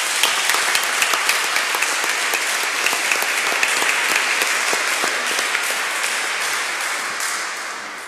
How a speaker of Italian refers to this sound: Lo ringraziamo e veramente vogliamo fare anche un applauso come segno di gratitudine.